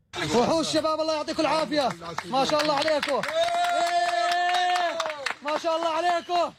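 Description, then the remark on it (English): A rescue team from Jordan cheers and chants loudly in unison in Caracas, Venezuela, after finding a three-year-old boy alive in the rubble of a collapsed building six days after two earthquakes. Sharp hand claps punctuate it throughout, and one long sustained shout rises in the middle before the rhythmic chanting resumes. “A video shows the team from Jordan cheering after discovering the child who had miraculously survived.”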